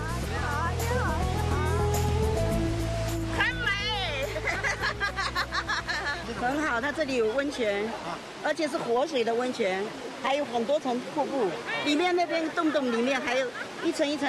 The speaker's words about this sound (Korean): 저렇게 떨어져 내리는 저 물도 온천수입니다. 여기 탕처럼 보이는 곳뿐만 아니라 다 온천수예요. 천연 온천이 산재한 중국 서남부에서도 이런 계곡의 온천 폭포는 보기 힘들죠.